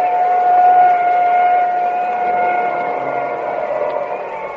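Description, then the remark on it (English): An ambulance siren at a car race crash holds a steady, high tone for several seconds, loud at first and gradually fading as the ambulance moves away, with a broad noisy wash beneath it. “Well, there goes the ambulance.”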